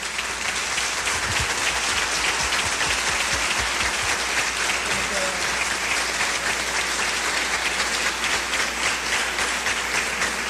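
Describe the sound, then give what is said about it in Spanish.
An audience at the Iglesia Bautista Betania church applauds to welcome the host pastor: a steady, dense wash of many hands clapping at an even loudness for about ten seconds, with no one speaking over it. “Invito con todo el respeto y con un aplauso para la gloria de Dios al pastor”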